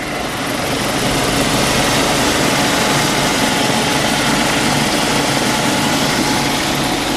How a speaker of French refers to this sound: Minutes de vol et l'hélicoptère Caïman du Charles de Gaulle se pose sur la plage arrière d'une FREM, une frégate multimission spécialisée dans la défense aérienne.